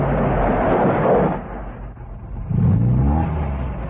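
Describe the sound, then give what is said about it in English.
A heavy truck motor, on a truck approaching along a rough dirt road, rumbles loudly, easing off briefly before revving up again with a deep, growling roar; no voices are heard. “At the sound of the motor, a tall, unkempt man pulls himself upright from a wattle pole against which he has been leaning.”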